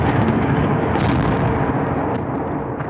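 Heavy booming explosions and rapid anti-aircraft fire in Kyiv, Ukraine, during an overnight Russian drone and missile attack, merge into a dense, rumbling roar, loud and continuous throughout, with sharper cracks standing out near the start. No one speaks.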